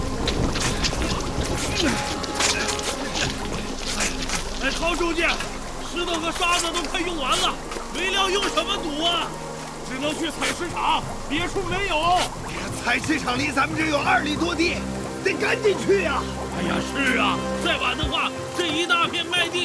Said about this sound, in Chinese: 海风越刮越大，雨势凶猛，堵不住啊！